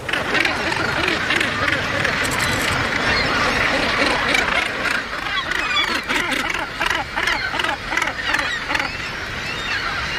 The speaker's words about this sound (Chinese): 由于筑巢点挨得太近，唐鹅时常因为食物和领地与邻居发生争吵。